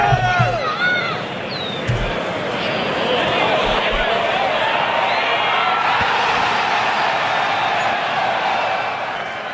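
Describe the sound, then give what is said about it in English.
A large outdoor golf crowd at the PGA Championship, at a course just outside Philadelphia, cheers and roars continuously, a sustained wall of applause and shouting with scattered whoops, loud throughout. “Listen to the crowd.”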